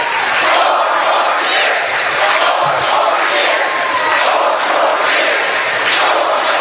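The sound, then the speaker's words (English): At a rally, a large crowd roars and shouts continuously, many voices blending into a loud, dense wall of cheering and chanting that stays steady from start to finish. “Somebody shouted one more year.”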